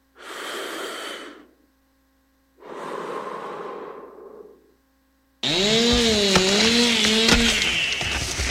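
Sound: chainsaws cutting wood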